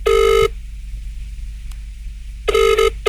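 A telephone ringing through a phone line during a radio station's prize call to a listener in Pinjarra, two electronic rings separated by a pause of about two seconds, over a steady low hum. No one speaks.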